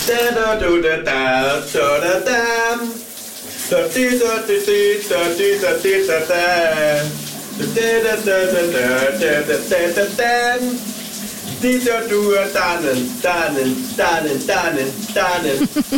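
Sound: shower running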